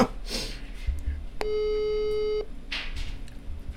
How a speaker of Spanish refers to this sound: Ahí lo estamos llamando, a ver si nos atiende. No nos estaría atendiendo,